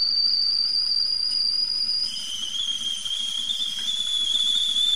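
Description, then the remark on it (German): A kettle whistles as water boils for a cup of tea, a loud, steady high-pitched tone that drops to a slightly lower pitch partway through, over a low bubbling rumble. “So, das Wasser kocht.”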